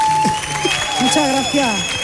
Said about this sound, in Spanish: Fuerte el aplauso